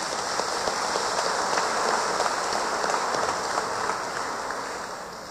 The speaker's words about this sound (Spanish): Levanten la mano los misioneros enviados, ¿dónde están? Vinieron todos, sí, muy bien. Démosles un fuerte aplauso a nuestros hermanos misioneros.